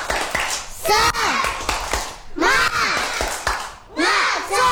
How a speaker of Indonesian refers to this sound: Sebelum ke penampilan kita tepuk sekali lagi, ya. Tepuk semangat.